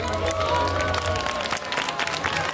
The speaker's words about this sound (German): Jawohl, super, einen donnernden Applaus nochmal für alle unsere Kinder. Das habt ihr ganz toll gemacht.